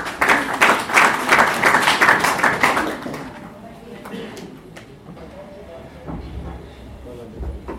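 An audience at a celebration of the Constitution of Kenya breaks into loud, dense applause for a speaker for about three seconds, then it fades into a low murmur of crowd noise with scattered claps and rumbling background sounds.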